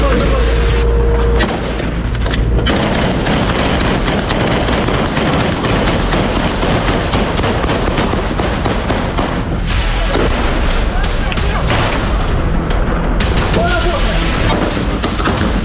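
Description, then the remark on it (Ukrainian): Loud, dense bursts of rapid gunfire with heavy booming explosions meeting an assault column of three armoured vehicles and a Bradley carrying troops on 11 January, sustained nearly without pause, chaotic, with indistinct voices buried in the din. “Невідомість вже за півгодини зустріла кулями і вибухами.”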